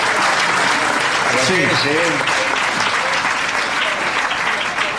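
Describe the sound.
Sustained applause from an audience fills the whole stretch, steady and loud, with a few brief voices calling out over the clapping around the middle.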